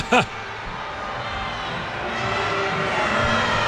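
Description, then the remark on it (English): A large stadium crowd at Shell Energy Stadium grumbles in a steady, low rumbling murmur during a Houston Dash versus Angel City match, swelling slightly toward the end and opening with one brief, sharp call cutting above the noise. “You can hear the grumbles by the crowd at Shell Energy Stadium.”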